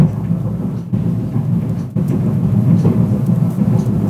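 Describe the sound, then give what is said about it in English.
A loud, continuous low rumble fills the building, like a heavy freight train coming through, steady and droning with a brief dip partway through; the noise recurs every other week. “Sounds like a freight train's coming through the building.”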